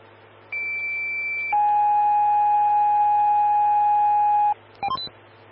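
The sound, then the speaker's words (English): Fire dispatch alert tones over a low hum, calling Evergreen Station 1, engine 132 and medic 124: a steady high tone for about a second, then a longer, lower sustained tone for three seconds, followed by a quick burst of short chirping beeps. “Stand by for tones.”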